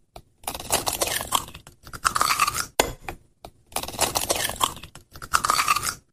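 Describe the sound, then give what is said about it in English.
An egg being cracked open, heard twice in a row: each time a burst of crisp crunching and crackling shell lasting a couple of seconds, with a faint scrape, and no voices. “Cracking open an egg on a Saturday morning.”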